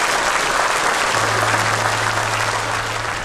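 A steady burst of applause from a crowd for everyone taking part in the last Connect 4, dense and continuous clapping filling the whole moment, fairly loud, with a low hum running underneath partway through.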